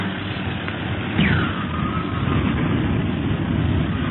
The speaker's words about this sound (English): Whee! The plane bucks like a bronco in this wind.